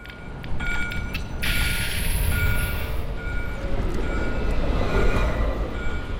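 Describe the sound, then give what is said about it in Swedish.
A blue-and-white tram in Gothenburg (Göteborg), Sweden, rattles and lurches along its tracks, a steady, loud rumble with metallic clanking and high squeals from the wheels, with no one speaking. “De blåvita spårvagnarna som skramlar och kränger i spåren,”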